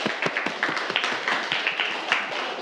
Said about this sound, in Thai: ปรบมือให้เพื่อนด้วยครับนักเรียน